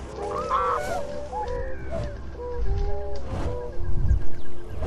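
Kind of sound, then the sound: bird, swans calling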